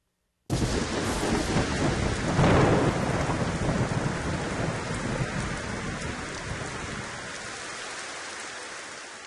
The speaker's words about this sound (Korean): 소나기입니다. 소나기. 갑자기 마른 하늘에 갑자기 날벼락처럼 이 천둥번개 소리와 함께 훅 쏟아지는 소나기.